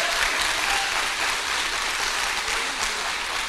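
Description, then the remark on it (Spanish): Steady, dense applause from many people for the Lord, a continuous bright crackle of clapping that holds an even loudness for a few seconds without voices rising above it. “¡Aplauso para el Señor!”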